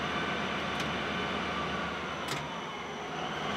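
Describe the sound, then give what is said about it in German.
Freight train wheels slipping on the rails, the loaded train weighing more than 500 tonnes: a steady, loud mechanical rumble broken twice by short sharp hissing bursts, with no voices. “Jetzt haben die Räder durchgedreht. Kein Wunder, der ganze Zug mit Ladung wiegt mehr als 500 Tonnen.”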